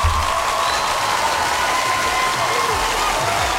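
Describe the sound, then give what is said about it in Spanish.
Steady applause from a crowd for a DJ fills the whole stretch, a dense, even wash of clapping at constant loudness with a faint murmur of voices mixed in. “Fuerte los aplausos para esa DJ el día de hoy.”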